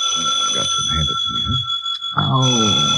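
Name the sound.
telephone ringing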